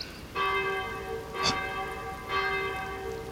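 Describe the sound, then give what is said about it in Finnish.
Church bells toll twice, each strike blooming into a rich, humming chord that lingers and fades, over a steady hiss like falling rain, with a brief sharp rustle between the strokes. “Minuutti, niin kellojen pitäisi soida.”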